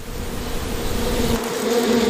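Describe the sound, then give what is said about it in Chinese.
Bees buzzing in a steady, continuous drone at a hollow log hung up by people for them to nest in, fairly loud, with a faint wavering hum and no voices. “我们知道，有蜜蜂的地方就有蜂蜜。”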